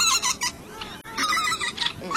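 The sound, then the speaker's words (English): A dense chorus of breeding birds calling at once in the Arctic wetlands around Tshekpuk Lake: shrill, squeaky chirps and high whistling sweeps overlap continuously, with a brief lull near the middle before the calls crowd back in. “The wetlands around Tshekpuk Lake are among the most vast in the entire Arctic. They're critical for millions of birds to breed every year.”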